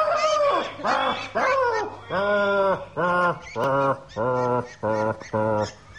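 Ducks being disturbed in a puddle on a farmstead quack loudly and insistently, about eight harsh, nasal calls in a quick, agitated series with brief gaps between them and no one speaking.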